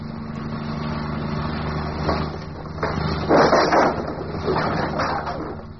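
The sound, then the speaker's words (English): A car engine drones steadily, a low continuous hum with rougher surges and sputters in the middle as if it strains while driving. “Oh, come on, car. Come on. Don't let me down now.”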